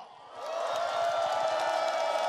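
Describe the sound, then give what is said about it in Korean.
A large crowd of Buddhist followers holding flags erupts into loud, sustained cheering and applause that swells after a brief moment and holds steady, a dense roar of voices and clapping from many people. “우리 불자리들, 신도님들 기들을 모아서 다시 한번 박수 함성이요.”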